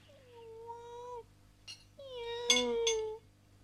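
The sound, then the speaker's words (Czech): A hungry pet cat named Radva meows twice: a long, drawn-out first meow, then after a brief pause a second, louder and more insistent meow with a soft tap between them. “Kočka je hladová, protože jí nikdo nic nedá, kromě mne.”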